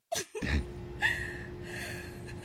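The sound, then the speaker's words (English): A sharp intake of breath, then steady breathy hissing over a faint constant hum as someone breathes on a phone line. Nobody speaks. “Yeah, I can still hear you breathing.”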